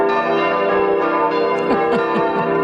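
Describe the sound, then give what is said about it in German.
Church bells ring loudly and continuously, their overlapping tones blending into a rich, sustained peal with no voices present. “Ein besonderer Service für Maria Olm. Die haben ja immer noch keine Glocken.”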